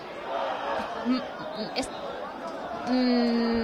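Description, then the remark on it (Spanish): A dense crowd, split into two sides shouting at each other during a tense demonstration, roars with overlapping shouts and chatter throughout, a few sharper cries rising above it, and a steady high tone, like a whistle or horn, entering near the end. “Están gritando de ambos lados, ahora es un poco complicado, no sé si me escucháis.”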